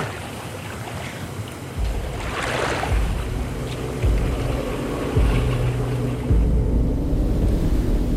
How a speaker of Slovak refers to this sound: Tam dole na rieke sa čosi pohlo. Noc je síce tmavá, ale mám pocit, ako by rieka šumela inak. Clivo, nepokojne.